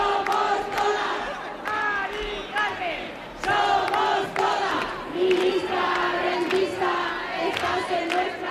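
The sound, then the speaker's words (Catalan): A large crowd of protesters at a Saturday-evening demonstration through streets of central Madrid chants loudly in unison, voices rising and falling in a steady rhythmic cadence, with sharp percussive accents punctuating the slogans throughout. “Són els crits que hem escoltat aquest dissabte hora baixa en la manifestació que ha recorregut alguns dels carrers del centre de Madrid.”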